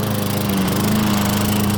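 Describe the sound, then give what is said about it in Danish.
A garden lawn mower engine runs steadily at a constant pitch, a loud continuous drone with a buzzing, harmonic hum throughout and no voices. “Nu skal du høre lyden af lave priser på sommer i haven.”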